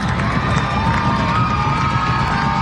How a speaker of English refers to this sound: Crowd getting loud after the mound meeting.